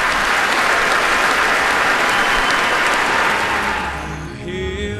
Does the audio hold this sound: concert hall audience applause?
yes